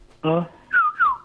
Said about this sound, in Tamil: Kuyil கத்திருச்சு sir.